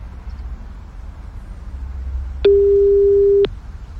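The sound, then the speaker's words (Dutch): A single steady, mid-pitched ringback tone sounds for about one second on an outgoing phone call to a drawn prize winner. It is loud and clear over a faint low hum. No one speaks. “Als hij meer dan drie keer overgaat, word ik altijd nerveus.”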